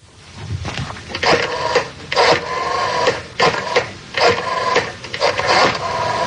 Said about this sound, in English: Rotary phone.